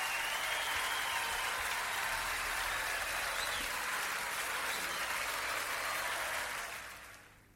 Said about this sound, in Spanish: Fuerte el aplauso.